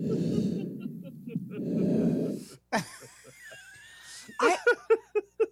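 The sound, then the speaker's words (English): A person breathing through a CPAP machine: two long, heavy, airy breaths with a hollow mask-like rush, followed by gasping, wheezy vocal sounds and a run of short, choppy bursts near the end. “Somebody recorded me with a CPAP machine.”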